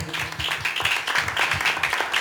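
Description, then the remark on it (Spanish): An audience claps hands loudly for the Lord in a steady, dense burst of applause, rhythmic beats blending into a continuous loud patter with a faint voice underneath. “Denle palmas fuertes al Señor si está captando.”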